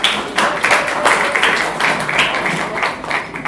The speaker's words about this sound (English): We decided to listen to that program. Please, can we clap for it, please?